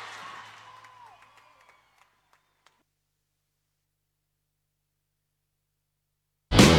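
Audience applause tails off over the first couple of seconds into a few scattered, isolated claps, followed by silence and then a sudden loud burst of sound at the very end.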